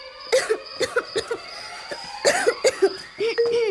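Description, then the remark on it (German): Two bursts of harsh, raspy, fairly loud coughing from a young rabbit being put to bed in the evening: a quick run of three or four coughs, a brief pause, then another hacking fit ending in a strained, throaty wheeze. “Als Mama Hase die Zwillinge am Abend ins Bett brachte, hustete Holly laut.”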